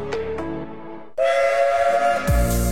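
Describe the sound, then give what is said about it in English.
A steam locomotive whistle sounds loud, with two short toots, then a long sustained blast that swells and ends in a rush of escaping steam. No one speaks. “This October, experience three incredible days of steam, diesel and classic vehicles at Bowness and Kinneil Railway.”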